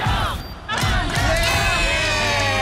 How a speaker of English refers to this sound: They get to experience the roar of a crowd. Marvel Stadium, the Bulldogs taking on North Melbourne.